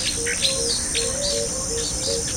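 Birds chirp in short, scattered calls over a constant high insect drone, an outdoor ambience with no one talking, at a moderate, even level throughout.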